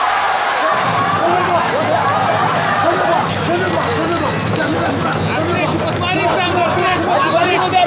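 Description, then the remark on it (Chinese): A large crowd cheers and roars at a free-fighting kickboxing match involving Ouyang Feng, a dense, steady wall of voices and shouting that stays loud and unbroken for the whole stretch. “哎，OK， 就大多数人是欢呼， 对 啊，这个是又放心又欢呼啊，狂喜。”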